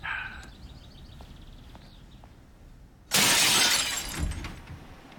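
A sudden loud crash of a glass window being smashed to break in breaks a quiet stretch, followed by the tinkle and clatter of falling shards. Faint chirping sounds precede it, with no voices.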